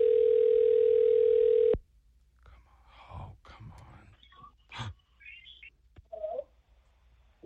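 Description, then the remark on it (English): A loud, steady electronic phone ringing tone of an outgoing call to a contest winner plays once for under two seconds, then cuts off abruptly, leaving quiet rustling and soft breathy noises. “All right, it's ringing.”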